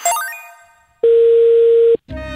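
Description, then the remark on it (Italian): A fading electronic chime gives way to a single loud, steady telephone busy tone, heard after the other party hangs up, held for about a second, then it cuts off abruptly into a short burst of other noise. No one speaks. “Signor, se non mi può buttare giù sempre il telefono, sennò non veniamo più questa telefonata.”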